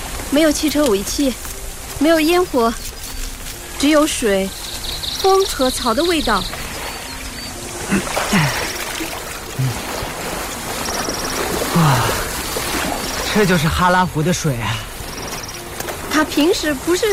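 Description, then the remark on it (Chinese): A steady, soft hiss of flowing water at Hala Lake, a salt lake in an uninhabited highland area, just after rain in heavy fog, runs throughout, with voices talking over it at intervals and a few brief, high-pitched chirping tones. “我好像听到了水声，但什么也看不见啊。”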